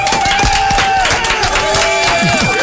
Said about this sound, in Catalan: Fem un bon aplaudiment. Bravo! Molt bé.